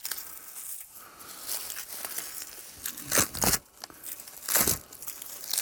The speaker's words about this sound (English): is easily pulling off bits of white outer bark with his hands.